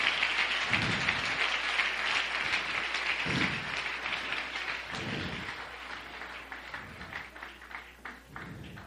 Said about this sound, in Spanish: Dale un aplauso al Señor en esta hora. Alabanza al Señor.